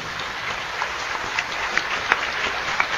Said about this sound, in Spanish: Un aplauso al Señor por esta oración que nos ha regalado.